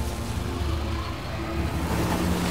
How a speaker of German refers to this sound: Unser frisch gewaschenes Auto. Achtung, einmal durch die Schlammpfütze. Daumen drücken, dass wir nicht stecken bleiben.